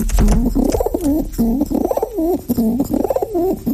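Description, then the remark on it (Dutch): Pigeons cooing in repeated soft, throaty rising-and-falling phrases, several coos in a steady rhythm with a low rumble underneath and no talking. “Ja, al die duiven hadden een eigen karakter en verdienden een naam.”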